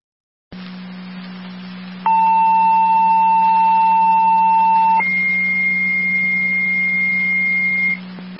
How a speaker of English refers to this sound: Fire Control, Wilcoxville, your second set of tones for your EMS call on Akron Road. Repeating to Wilcoxville, your second set of tones for your EMS call, Fire Control clear, 2021.